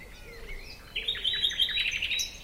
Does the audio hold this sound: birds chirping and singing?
yes